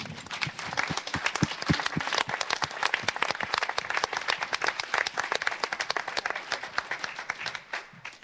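A crowd applauds steadily, dense overlapping claps forming a continuous bright wash that stays loud for several seconds before thinning slightly at the end.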